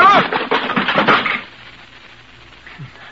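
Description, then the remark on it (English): A chair breaks under someone: a burst of splintering wooden cracks and clattering for about a second and a half, loud and jumbled, then it drops to a faint low rumble with a small thud near the end. “My chair wasn't built very strong.”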